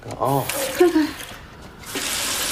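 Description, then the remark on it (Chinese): Water hisses and splashes steadily from a leaking water pipe, a continuous rush, while a voice cries out briefly over it near the start. “公司啊，啊，水管子漏水了。”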